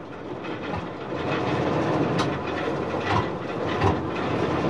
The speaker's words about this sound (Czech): ale za chvíli už běžel motor docela pravidelně.